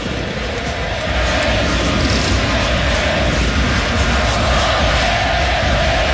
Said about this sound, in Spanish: Una marca también importante para el 10, que acá recibe los aplausos de todo mundo en el Estadio Monumental. El olé, olé, Messi, Messi en las tribunas del Monumental.